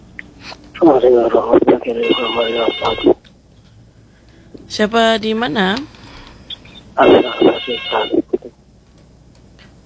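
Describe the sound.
A telephone rings in several short electronic bursts, clear, alternating with and partly overlapping a man talking over the line, on a caller line to the Ruang Rindu radio program; the call gets cut off.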